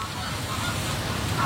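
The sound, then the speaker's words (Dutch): Groups of geese honk as they fly over, a brief scattered calling from a passing flock over a steady wash of outdoor noise, with one clearer honk near the end. “Groepen ganzen die dan al gakkend overvliegen, die hebben wel gebruik gemaakt van de mogelijkheden die de landschap biedt.”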